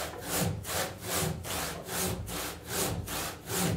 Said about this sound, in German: Ja, wir könnten das mit der Kettensäge machen, aber dann haben wir zu viel Holz weg. Und deshalb haben wir die Säge bestellt, so eine ganz dünne Säge. Vorsichtig, damit der Unterdeck wieder zusammengeleimt werden kann.